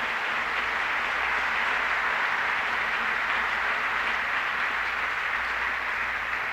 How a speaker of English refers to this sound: Very kindly, ladies and gentlemen, how about let's get together and give the whole show a big round of applause.